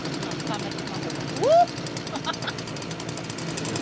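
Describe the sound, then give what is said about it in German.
A tractor engine runs with a saw, making a loud, continuous mechanical roar and rattle, with a brief rising whistle-like tone partway through. “Hören können sie sich bei laufendem Trecker plus Säge jedenfalls nicht.”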